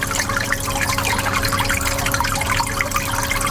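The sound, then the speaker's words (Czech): Water steadily circulating and bubbling in tanks, a dense continuous burble of small splashes and trickles over a low pump hum, fairly loud throughout. “Voda v nádržích neustále cirkuluje a bublá.”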